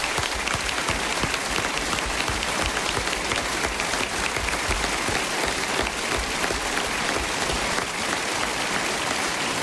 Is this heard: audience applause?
yes